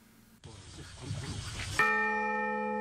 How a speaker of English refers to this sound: Nolan and Moriuchi spoke at the installation ceremony and rang the bell together.